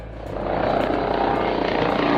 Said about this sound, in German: Die 2 Hubschrauber der Bundespolizei landen auf dem Kaufbeurer Fliegerhorst, beide voll bepackt mit hochempfindlicher Messtechnik.